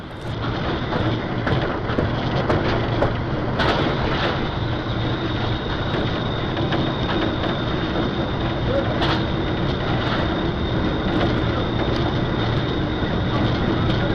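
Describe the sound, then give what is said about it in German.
The locomotive of the train Bergkönigin runs steadily as it leaves the station, heard from inside the driver's cab: a loud continuous rumble and mechanical roar with rattling clanks and brief sharp knocks throughout, no voices. “Jetzt einmal aus der subjektiven Perspektive des Lokführers. Gut zu erkennen, wie die Erschütterungen unsere Kamera beeinflussten, aber einzigartige Bilder, die wir Ihnen nicht vorenthalten wollten.”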